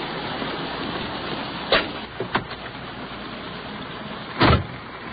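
Someone gets into a police car in steady rain, wet and slushy outside: a couple of quick clunks and rustles, then a loud door slam near the end, over a constant wet hiss.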